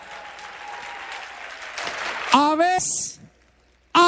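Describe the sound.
An audience claps steadily for a couple of seconds, then loud cheering voices and a high, shrill whoop rise over the applause before it falls quiet, with a sudden burst of sound at the very end.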